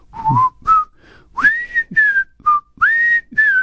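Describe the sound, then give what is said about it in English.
A man whistles the jaunty Mayberry TV theme tune through a windsock on his mic, a string of bright sliding notes in short phrases with brief breathy pauses and slight mic muffling. “It's not easy to whistle through this windsock on my mic, but at least you can pick up on what I'm trying to do there.”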